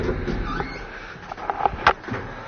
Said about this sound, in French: Nous voici arrivés devant la chambre 222, la chambre hantée. Car comme tout château qui se respecte, nous sommes hantés. Alors je vous ouvre cette porte.